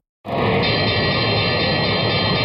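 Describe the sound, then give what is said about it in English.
A stock market opening bell rings loudly and continuously, starting abruptly and holding a steady, bright metallic clang with buzzing overtones throughout, with no voices. “There's the bell. The markets are open”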